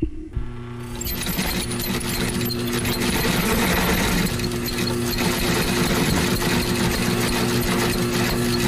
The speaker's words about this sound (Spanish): Sí, señor, lo dijo Carlos Marín, como una máquina de coser, el que cosió tanto en su infancia también.